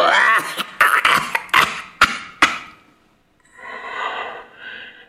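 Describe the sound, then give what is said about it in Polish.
A woman's rapid series of harsh coughs and throat clearing for about three seconds, followed by a short pause and then a softer, raspy wheezing breath. “A to jej kaszel.”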